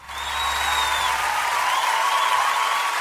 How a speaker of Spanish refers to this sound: Les quiero presentar un fuertísimo aplauso a Hannah y a Ashley de …. Fuerte aplauso, por favor.